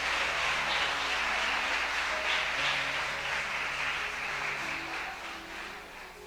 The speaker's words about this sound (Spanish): Le damos un aplauso a él en esta noche, hermano.